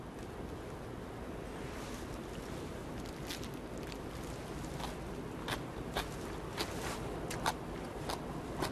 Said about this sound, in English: Mmm. You can hear the crunchiness, right? So crunchy, so chewy.